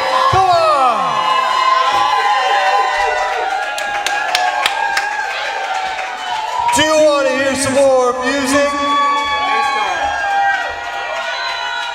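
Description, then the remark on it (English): A large concert crowd cheers and screams continuously, with high-pitched shrieks and whoops layered throughout, while a man speaks loudly over a microphone above the steady roar. “You might have to let them go to the bathroom real quick or something, but then keep screaming though.”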